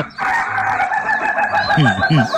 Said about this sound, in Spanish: El gallo de la finca de las mañanas de uno de Radio 1